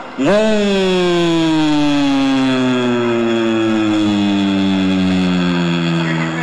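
A loud siren marking the breaking of the fast during Ramadan wails steadily, its buzzy, harmonic-rich tone rising quickly at the start, then sagging slowly in pitch as it holds for several seconds.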